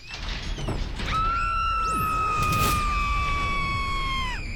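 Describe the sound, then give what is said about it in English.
A long, sustained scream sound effect holds one steady, piercing pitch for over three seconds before dropping off at the end, rising out of a noisy, clattering backdrop with brief swooping whines. “Dadgum, that was kind of a long scream. Who put that sound effect in?”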